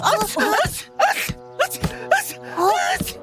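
Several quick sneezes burst out one after another, fairly loud, with strained vocal sounds between them over a faint steady background hum.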